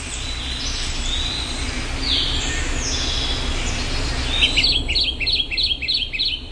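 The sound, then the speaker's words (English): A Kentucky Warbler, a small, colorful songbird, sings a rapid string of rolling, repeated two-part notes in the last couple of seconds, clear, over steady outdoor hiss with fainter bird calls earlier. “Let's listen to its repetitive song here, the Kentucky Warbler.”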